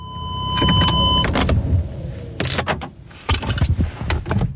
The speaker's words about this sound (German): Über der Lindebene hängen noch tiefe Wolken und es regnet leicht bei knapp 12 Grad, wo ich mit dem Auto auf dem Flugplatz Schennis ankomme.